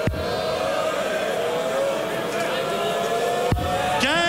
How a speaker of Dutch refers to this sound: En daar heeft hij hem dan. Met een buiging ontvangt hij het applaus van het publiek. Gabriel Varaljai.